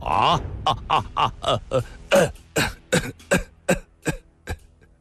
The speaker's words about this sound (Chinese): 他想笑一笑，却又弯下了腰，不停地咳嗽了起来。